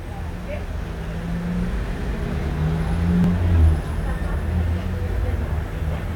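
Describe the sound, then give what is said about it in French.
Steady low rumble of street traffic on Boulevard Saint-Germain, with motorbikes, vans, an orange Citroën 2CV, a taxi and a number 63 bus; one vehicle swells louder as it passes by about halfway through before the general roar settles back. “Boulevard Saint-Germain, une moto, une camionnette, une deux chevaux orange, un taxi, deux camionnettes, trois camionnettes dont une bleue, le 63, une moto.”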